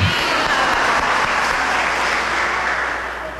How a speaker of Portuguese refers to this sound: E vamos saudar Nossa Senhora de Fátima, nossa mãe querida, com uma salva de palmas. Viva Nossa Senhora de Fátima!